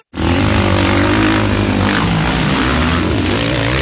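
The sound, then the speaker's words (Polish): Speedway motorcycles race at the individual Speedway Euro Championship in Zielona Góra, with a loud, continuous engine roar that kicks in abruptly, their rasping, high-revving drone shifting in pitch as the bikes power around, with no voices. “Słyszysz to? To dźwięk wielkich emocji. Speedway Euro Championship.”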